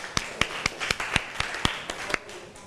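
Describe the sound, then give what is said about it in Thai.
A short burst of applause from students in a classroom clapping for a classmate who answered a question: about ten sharp, crisp claps in a loose, fairly even rhythm, moderately loud, with no voices over them. “ขอเสียงปรบมือให้เพื่อนอีกครั้งค่ะ”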